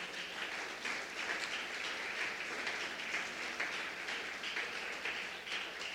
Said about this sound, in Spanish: Fuerte el aplauso para la visita, por favor.